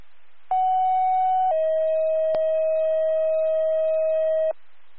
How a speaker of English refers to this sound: Fire second tone, need a response, 15 Main Street, for a fire alarm, city fire.